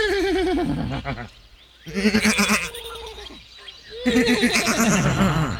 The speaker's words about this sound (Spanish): Los caballillos relinchaban junto al corral.